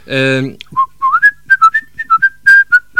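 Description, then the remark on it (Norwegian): A person whistles a lively tune, a quick run of bright, clear notes that hop up and down in pitch, after a brief hummed or sung tone at the start; the whistled line is the first voice of a two-part tune. “Det jeg skrev, det var at jeg kan plystre på sine høner tostem.”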